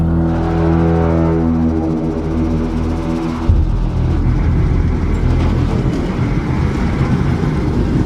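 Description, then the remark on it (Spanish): A car engine starts and runs loud with a steady harmonic drone, then shifts abruptly into a rougher, harder-revving roar that keeps going to the end; the car has half a tank of fuel. No one speaks. “Este arrancó. Aún tiene medio tanque.”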